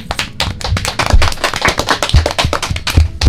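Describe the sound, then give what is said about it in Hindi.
A crowd claps steadily, many hands striking in dense, overlapping bursts that stay loud and fairly even throughout, with no voices over the applause. “भाई तालियां बजा दो।”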